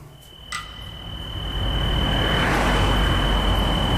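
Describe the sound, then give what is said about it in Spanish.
A car approaches in Sineu, its low rumble and road noise swelling from quiet to loud over a few seconds, while a steady high cricket trill continues in the background. “¿Es de ese coche? Es un coche.”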